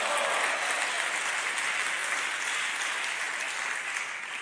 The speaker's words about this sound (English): Clap your hands, everybody, and say, praise the Lord in here.